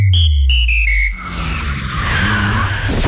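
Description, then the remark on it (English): A car's worn tyres with little tread skid and squeal loudly in a series of short, sharp screeches, followed by a longer scraping slide over a low engine rumble, with no talking. “Well, that's what happens when your tyres have less tread than a pair of old thongs.”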